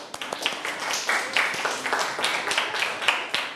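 A group of children in a Thai-language classroom lesson clap their hands together at the teacher's request to applaud a classmate's correct answer, a steady patter of overlapping claps at moderate volume, with faint voices mixed underneath.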